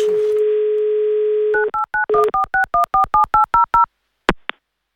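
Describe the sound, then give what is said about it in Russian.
A steady telephone dial tone, then a quick series of about eleven short two-pitch touch-tone beeps as the Avtoradio station dials to call a listener back, ending with a couple of faint clicks. No one speaks. “Давайте перезвоним.”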